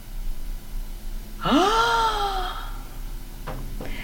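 A male narrator coughs: a strained, voiced heave that rises and falls in pitch, followed by two short, sharp cough bursts in quick succession, with no talking.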